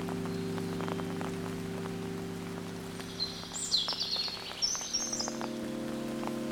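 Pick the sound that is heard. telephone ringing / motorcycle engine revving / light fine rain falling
light fine rain falling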